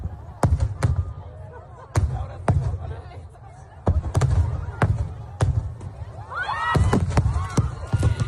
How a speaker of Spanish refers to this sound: Un total de 27 personas han resultado heridas a causa del impacto de una carcasa en el espectáculo de fuegos artificiales de Castell de Loya, en Altea, en Alicante. Este era el momento.